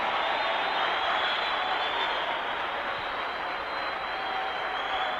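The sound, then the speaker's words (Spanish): A church audience claps together in praise of Christ, a dense, steady wash of applause lasting about five seconds, loud and even throughout with no speech over it. “¿Cuántos le aplauden?”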